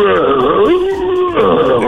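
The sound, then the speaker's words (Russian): A person voices a loud, drawn-out growling roar, mimicking a lion, with sustained rough tones that rise and fall across about two seconds. “Вот это я понимаю. А то Катя говорит котик. Это нет, лев.”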